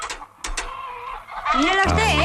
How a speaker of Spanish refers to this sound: Mira bien. Que no, señor Marqués. Dame la gallina.